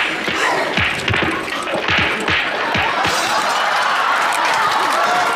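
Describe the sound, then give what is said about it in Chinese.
A burst of loud, sharp bangs and crashes in quick succession, like a blast sound effect, followed by a steady roar of rumbling, crackling noise that carries on to the end. “妈呀，这你俩还爆炸了呢？”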